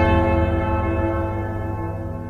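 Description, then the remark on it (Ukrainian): A church bell rings out alone, its deep, rich tone humming and slowly fading as one long resonant toll carries through the quiet. “Це тихий дзвін пам'яті.”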